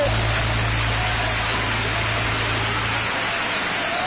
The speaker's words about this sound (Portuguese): Aplausos para o Rei dos Reis.